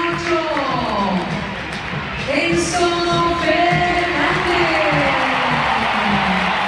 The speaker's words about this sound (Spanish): Está en River, muy aplaudido Enzo.